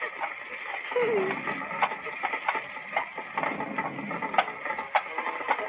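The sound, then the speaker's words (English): Steady rain hisses throughout while a horse-drawn wagon rolls past along a roadside, its hooves clopping in an even, regular rhythm at moderate volume, with a brief muffled voice early on. “there I was, sitting by the roadside in the rain when Stromboli's wagon passed by”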